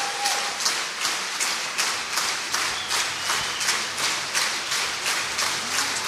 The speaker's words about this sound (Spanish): Y no quieren, no se quieren levantar. No se quieren parar. Que el aplauso sea para, sí, él, exacto, solamente. No, pues lo levantó. Pero él obliga a la orquesta a que se levante. Y miren, aquí ya se está pidiendo un encore.